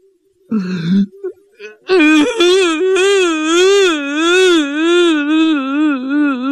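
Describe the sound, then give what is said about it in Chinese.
A voice imitates loud crying: after a few short sobbing sounds, a long, drawn-out wail with a wavering, bellowing pitch carries on for several seconds, like a hungry water buffalo lowing. “哎呦，这下他哭了，这一哭啊，就好像那饿的水牛叫一样。”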